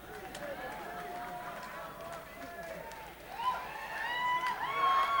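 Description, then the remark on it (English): At a live music performance, a lone audience member whoops and shouts from the crowd, voice rising and growing louder toward the end over a low murmur of people. “You got a fan out there, man.”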